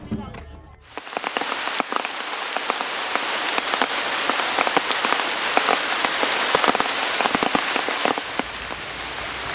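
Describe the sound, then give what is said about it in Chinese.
Steady rain falls on the ground at an archaeological dig in the Wenshan area, in the October rainy season brought by Typhoon Khanun: a dense, continuous hiss of pattering with scattered sharper drops, starting after a brief quieter moment and holding at an even, fairly loud level. “这几天是天天一上工就下雨，这样的话太耽误这个工期了。”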